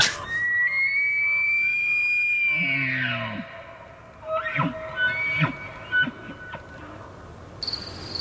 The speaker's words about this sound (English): I think we've got a moose call that we can use here for reference. I would like to hear it and see if it stands the hair on the back of my neck up.